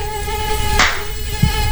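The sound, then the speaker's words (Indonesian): A steady high-pitched whine of many mosquitoes hums throughout, with a brief sharp swish or slap partway through and a soft low thud near the end. No one speaks. “Ih, banyak banget ya nyamuknya di sini.”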